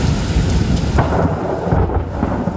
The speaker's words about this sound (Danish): Fra sjask i hav til tordenbrag.